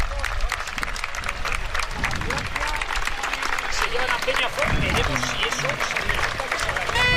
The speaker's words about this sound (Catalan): Sí, no, ara se'n va, ara ja. Ara parteix amb els aplaudiments.